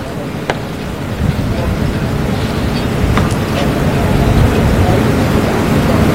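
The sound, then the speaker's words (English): Rain falls outdoors in Barbados during the farewell proceedings for Sir Garfield, a steady, dense wash of noise. A few sharper taps stand out now and then, and the sound stays fairly loud and even throughout. “A Barbadian would say even the heavens are opening up to cry at the departure of Sir Garfield. And that they are indeed showers of blessings.”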